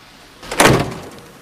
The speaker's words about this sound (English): She opens the passenger door and gets out.